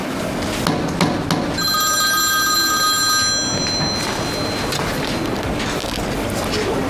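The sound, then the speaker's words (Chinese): A telephone rings on an outgoing call to the caller's eldest child: one steady, bright ringback burst lasting about two seconds, heard over a rustling, noisy background. “你打个电话问问。”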